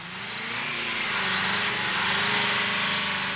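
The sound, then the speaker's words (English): A sports car's 380-cubic-inch engine, beefed up for racing, roars loud, its droning pitch climbing slightly as it revs, with no voices over it. “Yeah, I had the engine beefed up so I can race.”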